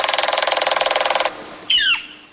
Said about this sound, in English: There's the big, flashy, red-crested, pileated woodpecker. And the noisy northern flicker, the one that pounds on metal gutters.